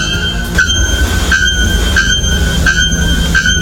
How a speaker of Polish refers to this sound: Pierwszy to dzwonnik na goszyi, ptak zamieszkujący atlantyckie lasy Brazylii, znany ze swego donośnego, metalicznego śpiewu.